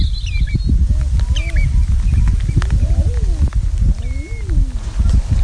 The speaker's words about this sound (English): Tom Cadwallander's enjoying the cooing and crooning of the Eider, a duck made famous by St. Cuthbert.